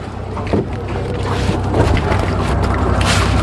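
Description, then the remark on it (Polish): People board a small boat on water that is about to set off, with a steady low rumble, wind buffeting the microphone, water sloshing, and a few soft knocks and thumps from movement aboard. “Wchodzimy na łódkę i będziemy ruszać.”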